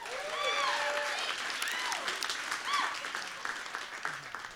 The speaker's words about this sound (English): Let's get a round of applause for her.